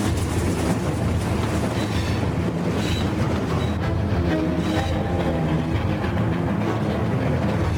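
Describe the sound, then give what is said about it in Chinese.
A railway train carrying excavated rock away from an excavation site rumbles steadily along the tracks, loud, with a dense, continuous clatter and rattle, some faint metallic squeals rising over the din, and no voices. “他修建了一个铁路系统，像一个巨大的传送带，把开凿出来的岩石在滑坡之前迅速运走。”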